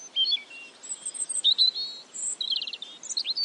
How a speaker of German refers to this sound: Wir sagen gar nichts mehr. Wir lauschen den Vögeln.